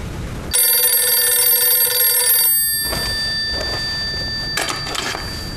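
A telephone bell rings in one bright, metallic burst of about two seconds, its tones lingering as it fades, followed by a brief, softer second ring, as a call is placed from a coffee shop to the Rong residence. No one speaks.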